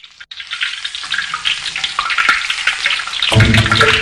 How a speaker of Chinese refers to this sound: 新鲜的豆腐和刚出炉的蒸丸依次下锅油炸